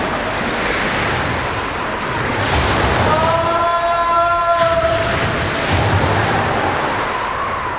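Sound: stormy sea waves crashing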